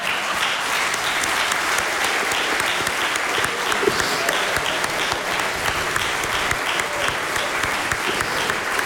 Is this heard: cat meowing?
no